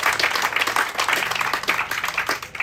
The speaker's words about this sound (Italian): Un applauso a Carlo Giuliani.